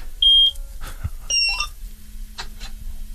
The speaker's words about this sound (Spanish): Bueno, no sé si encender, tiene un botón de encendido la cosechadora, no sé cómo... Tiene una llave como un coche y sí. Estoy por pedirte que gires la llave, a ver si se escucha por la radio.